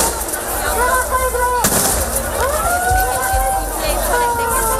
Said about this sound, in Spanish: La situación se ha desbordado en algunos momentos, por lo que la policía ha tenido, como les digo, que hacer disparos al aire y utilizar sus porras para contenerlos.